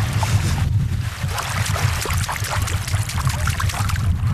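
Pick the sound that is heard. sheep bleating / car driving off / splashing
splashing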